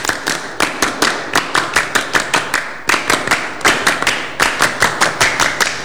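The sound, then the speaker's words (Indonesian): A group claps the Pramuka scout clap (tepuk pramuka) twice through, sharp bright claps in quick grouped bursts with brief pauses between phrases, loud and with no talking over it. “Dua kali tepuk pramuka.”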